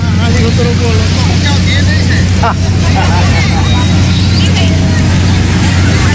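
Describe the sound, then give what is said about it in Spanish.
Buses rumble with a loud, steady low engine drone and broad traffic noise throughout, while voices murmur faintly underneath, as many buses arrive at a campaign closing rally venue in Huarmey. “Luego, hasta que aparecieron los colectivos con ómnibus.”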